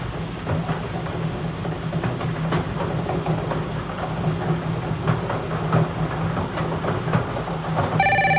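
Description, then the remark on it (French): A telephone rings during a radio bingo game, with a bingo win awaiting confirmation, over a steady low rumbling hum, with a clearer, brighter ring tone cutting in right at the end. No one speaks. “OK, le téléphone sonne, alors je vais attendre la confirmation.”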